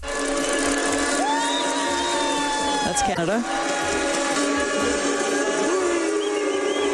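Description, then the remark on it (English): A packed stadium crowd at an opening ceremony roars and cheers steadily as the Canadian, American and Mexican flags are shown on the Jumbotron, with sustained horn-like tones and swooping whistles cutting through the din while a voice briefly speaks over it. “And here's what the crowd sounded like at the opening ceremonies, with the three countries' flags shown on the Jumbotron.”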